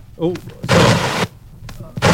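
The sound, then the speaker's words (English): A stylus is knocked across a vinyl record while headphones are being grabbed, giving a loud, harsh scraping thump that lasts about half a second, then a second sharp burst at the end. A brief vocal sound comes just before. “So I could hear myself speak, having knocked the needle on the record as I was grabbing the headphones.”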